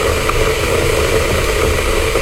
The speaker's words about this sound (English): Sounds like a kettle to me. Now, sounds like a phone very up close to a kettle, but still.